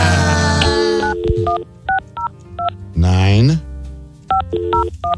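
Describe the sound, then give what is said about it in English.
A touch-tone phone number is dialed to call someone on the air: a run of short, crisp dual-tone beeps in quick, even bursts, with people talking before and between the keypresses. “I'm trying to call you on the air.”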